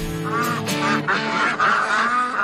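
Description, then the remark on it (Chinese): Several geese, of two colours (taller white geese and smaller brownish-yellow ma geese), honk loudly and continuously, their harsh nasal calls overlapping in a noisy, busy chorus throughout. “我发现这里头有两种颜色的鹅哈，要抓哪种？”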